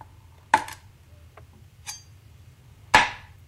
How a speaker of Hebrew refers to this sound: צלילים קשים, אני יודעת, זה לא אישי. זה היה חיתוך עם סכין על קרש.